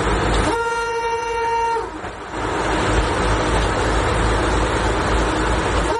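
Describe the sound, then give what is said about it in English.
A train horn sounds one steady, harmonic blast for over a second while the Slovenská strela (Slovak Arrow), a streamlined bright red Tatra train from Czechoslovakia, rumbles loudly along the rails, the heavy clatter continuing after the horn stops. “Inspired by a rare journey aboard the iconic train, a children's book she wrote celebrates not only one of Czechoslovakia's greatest engineering achievements, but also the life of its visionary creator, Jozef Sosejík.”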